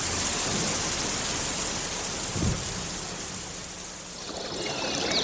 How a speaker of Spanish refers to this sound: En ese momento, el cielo se cubrió de negras nubes y comenzó a llover. Cayó una terrible tormenta.